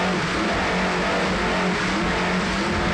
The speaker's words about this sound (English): 32-foot Skinner powered by two 750-horsepower United Racing engines with Mercury drives.